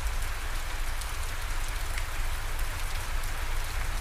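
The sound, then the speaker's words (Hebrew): Steady, dense rainfall patters continuously on foliage and surfaces in a rainforest, an even wash of drops with a low rumbling undertone and no voices. “ובעדינות, בעדינות, העבירו תשומת הלב שלכם לצילים של היער גשם, לצילים של הפסנתר.”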